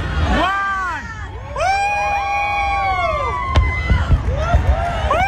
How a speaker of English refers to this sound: So yeah, this is the fireworks portion. This is not through NBC, so they're not incorporating the music.